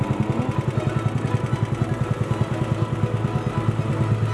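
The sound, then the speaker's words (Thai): A small boat engine chugs steadily on the Khlong Phra Khanong canal as a man drives his boat out with fish gear to retrieve fish traps set under a bridge, its rapid, even low throb running without pause for the whole stretch, with no voices over it. “ทุกวันหยุดจะขับเรือลำเก่งพร้อมอุปกรณ์ใส่ปลาออกไปกู้รอบที่ดักไว้ใต้สะพานในคลองพระโขนงครับ”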